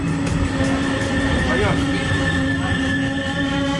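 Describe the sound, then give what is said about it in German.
An RE4 regional train rumbles steadily, with droning mechanical hum and a brief rising squeal of wheels or brakes midway, as it rolls into Rathenow station in Brandenburg, Germany, amid constant background noise. “Der RE4 fährt ein.”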